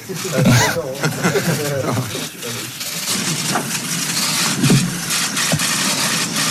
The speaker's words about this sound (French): Allez, super, on va arrêter ce doux bruit, mesdames et messieurs. Voilà, c'est le chef de presse qui a mis fin au crépitement des flashs.